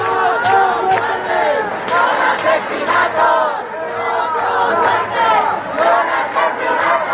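Thousands of protesters in Madrid marching toward the Congress of Deputies and into Puerta del Sol, chanting "murdered" over the death of evicted 87-year-old Mari Carmen Abascal; rhythmic shouted phrases repeat steadily, loud and continuous with many voices blending together.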